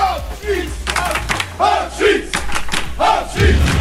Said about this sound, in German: Hauptsache, wir können am Schluss alle zusammen ganz fest jubeln.